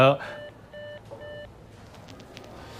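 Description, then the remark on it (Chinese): Three evenly spaced electronic beeps of a phone busy tone after the other party hangs up a call, clear, each about a third of a second, over a low background hum. “什么情况？每次我没说完话挂我电话。”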